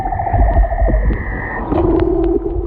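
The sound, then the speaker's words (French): Male leopard seal underwater song during the mating season: long, steady tonal notes that hold, break off and shift to a lower pitch, layered over a constant rumbling underwater background. The calls are loud and no one speaks. “Alors ça, c'est l'exemple du chant d'un léopard de mer.”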